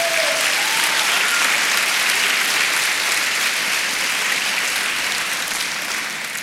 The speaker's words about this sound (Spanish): ¿Alguien dice amén? Amén. Dele palmas al Señor.